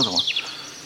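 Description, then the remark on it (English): A few quick, high bird chirps from wild birds, clustered in the first half-second before fading into a quiet outdoor hush. “And I thought you might be able to pick out a few of these birdies.”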